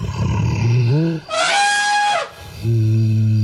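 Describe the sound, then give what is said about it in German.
An imagined mammoth call, since mammoths are extinct and their real sound is unknown, similar to a deeper elephant: a low groaning rumble that rises into a loud, bright trumpeting blast for about a second, then drops back to a steady deep drone. “Also wahrscheinlich so ähnlich wie ein Elefant, nur ein bisschen tiefer.”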